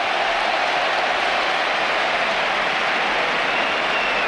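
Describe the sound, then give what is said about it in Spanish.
A large stadium crowd gives a sustained ovation for 19-year-old José Antonio Morante, debuting for Betis on the left side, a dense, steady roar of cheering and applause that holds at an even, loud level throughout, with no single voice standing out. “Esta es la ovación.”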